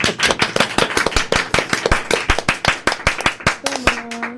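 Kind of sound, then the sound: crowd, applause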